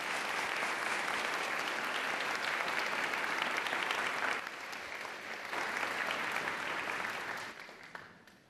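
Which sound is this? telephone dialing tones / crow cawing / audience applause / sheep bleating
audience applause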